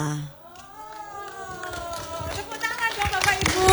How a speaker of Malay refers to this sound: Ya, tepuk tangan untuk Bapak Ibu sekalian.